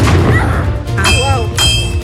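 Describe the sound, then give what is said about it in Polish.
Two heavy cannon or gun shots boom about half a second apart, loud, fired during a historical military drill display, over a rumbling crowd background with indistinct voices. “Słyszymy wystrzały, armaty co chwilę, musztra.”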